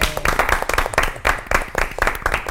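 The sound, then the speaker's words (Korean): A small group claps steadily for a couple of seconds, a dense patter of sharp hand claps at a fairly loud, even level with no voices over it. “아, 이거 박수 쳐도 될 것 같아요.”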